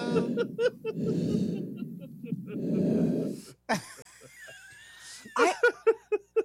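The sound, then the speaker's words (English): Three long, rushing breaths through a CPAP machine, steady, followed by a run of short snorting, chuckling vocal bursts. “Somebody recorded me with a CPAP machine.”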